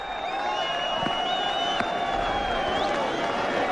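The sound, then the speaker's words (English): A large crowd at a cricket ground applauds Travis Head, batting on 99 with the score at 188 for one, in a continuous wash of clapping and cheering, with a few high whistles rising above the sustained roar throughout. “The applause goes around the ground already for Travis Head.”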